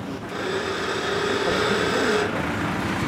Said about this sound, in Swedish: Han tar till Sjöntorres ner i 100 år gamla däcksbateren Erik. Det är den huvudkranen som hivar och så tycker jag att han ska sättas av en vakn som är fäster i en lastbil.